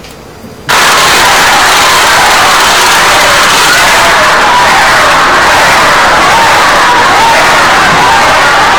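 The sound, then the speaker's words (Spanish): A large crowd boos loudly and continuously, a dense roar of many voices that surges in after a brief quiet start and holds steady to the end. “Tenemos incluso los abucheos.”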